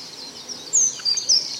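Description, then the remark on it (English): A small bird, a lesser spotted warbler, gives a few thin, high-pitched chirps in quick, irregular bursts. It sounds fairly soft over a quiet outdoor background, with no talking. “Mr. Lesser Spotted Warbler there on the right, he's thinking about the same thing.”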